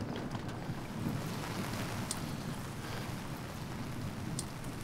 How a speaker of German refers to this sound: Der nächste Morgen. Seit Stunden regnet es durch.